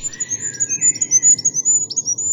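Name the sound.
goldcrest song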